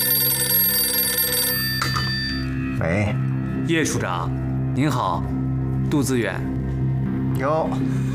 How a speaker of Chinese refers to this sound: 说曹操来电话